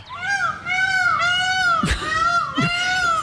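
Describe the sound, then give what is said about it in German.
An escaped peacock that has been roaming the neighbourhood in Wehna, East Frisia, for three months gives loud, drawn-out wailing calls: three long harmonic cries in a row, nasal and rising at the ends, with brief sharp bursts between them. “In Wehna ist ein Pfau unterwegs, und zwar ein Ausgebüxter, der die Nachbarschaft seit ja wirklich 3 Monaten ordentlich auf Trab hält.”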